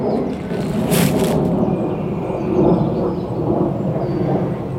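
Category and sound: vehicle, airplane flying overhead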